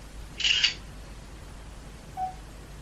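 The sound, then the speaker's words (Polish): A single crisp camera shutter click sounds as a photo is taken, followed by a short, faint electronic beep, with no one speaking. “Dobrze, i tak zrobię zdjęcie. Wykonywanie zdjęcia.”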